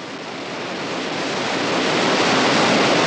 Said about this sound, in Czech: Za chvíli jsem byl v cíli a uviděl řítící se sloup kalné bílé vody, mnohem tlustší, nežli jsem očekával, který dopadal na skalní podlahu s takovou prudkostí, že vystřikující kapky vytvořily kolem místa dopadu poměrně široký prostor